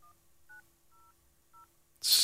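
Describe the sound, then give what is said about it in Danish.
Four short telephone keypad dialing tones as someone dials to make a phone call, beeping at uneven intervals, clear but fairly soft, followed by a sudden loud burst of hissing noise at the very end. “Må jeg lige prøve at foretage et opkald, bare lige så vi kan prøve at høre, hvad der sker, når vi ringer her.”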